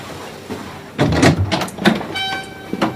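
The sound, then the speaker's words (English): A man strides to a door, which opens with a rushing, rattling sweep and then shuts about a second later, followed by a faint ringing tone as things settle; moderately loud, no voices. “He strides to the door, maintaining his cool.”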